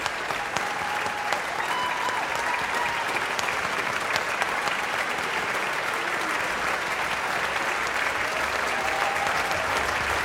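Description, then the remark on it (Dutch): Sustained applause from a large concert audience, with the hall presenter among those clapping, a dense steady wash of hand clapping at even loudness for the whole stretch, with faint tonal hums underneath and no speech. “We horen hem klappen.”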